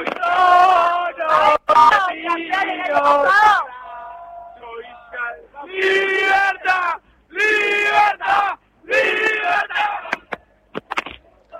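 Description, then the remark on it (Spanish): A large crowd of fans gathered at the Plaza de la República to celebrate the national team chants and cheers in loud, rhythmic bursts, many voices singing together in strong, sustained phrases with brief pauses between them. “pero bueno, es esto, es la gente que ha llegado hasta la Plaza de la República para celebrar a la selección más allá de esta derrota y el pedido de que Messi continúe un par de años más.”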